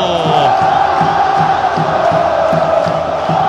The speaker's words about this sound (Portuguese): Solta o grito do fundo da alma. O torcedor do Vasco da Gama.